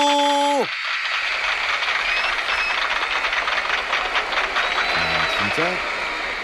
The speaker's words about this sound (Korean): 흐물탱 흐물탱 거리며 들어오고 계시네요. 박수!